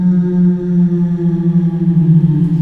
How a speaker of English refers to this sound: Very spooky ghost whale.